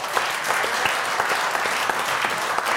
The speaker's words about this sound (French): On peut déjà applaudir nos décodeurs.